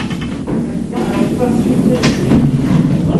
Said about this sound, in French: Ah, le télésiège s'arrête.